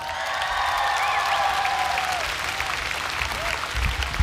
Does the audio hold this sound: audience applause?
yes